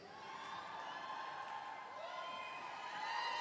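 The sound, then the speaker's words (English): A concert audience lets out scattered short yells and whoops over a steady, even crowd hubbub, with no single voice standing out and no clear speech. “Now we, see, I take those little yells as being, okay, you're kind of right, and we will, but just give us our space, right?”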